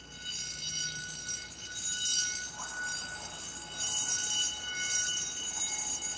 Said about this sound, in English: Step on the alarm! Step on it!